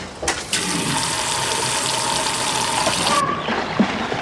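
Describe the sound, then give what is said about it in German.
Water gushes steadily into an inflated paddling pool in a garden, a loud rushing pour lasting a few seconds before it cuts off abruptly, leaving faint drips behind. No one speaks. “Nun steht es aufgeblasen und mit Wasser gefüllt im Garten.”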